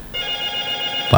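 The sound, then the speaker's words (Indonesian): An ordinary telephone rings with a steady electronic trill for about a second, clear, then cuts off abruptly into a burst of noise. “Dari tadi telepon bunyi biasa ini, telepon biasa bunyi.”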